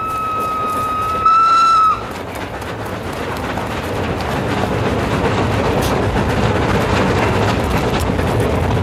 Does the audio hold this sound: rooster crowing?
no